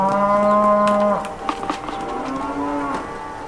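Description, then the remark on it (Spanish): Beef cattle on a family ranch moo twice: a loud, drawn-out bellow followed after a short pause by a softer, lower moo, with faint outdoor farm noise in between and no talking. “Estas son vacas lecheras. Son vacas de carne, no lecheras.”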